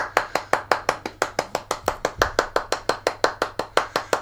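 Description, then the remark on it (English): A single pair of hands claps in a steady, evenly spaced rhythm, about twenty sharp claps in a row, with no one talking. The beat is flat and unvarying, like deliberate, mocking applause. “That's almost turning into a sarcastic clap.”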